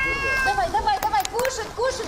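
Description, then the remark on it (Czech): Several cats on the waterfront in Odesa, Ukraine meow in quick succession, short rising-and-falling cries that overlap one another, clear, with some faint background noise underneath. “10 kilo krmiva pro kočky, nějakou vodu a vyráží na pobřeží”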